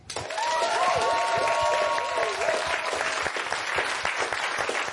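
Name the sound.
audience applause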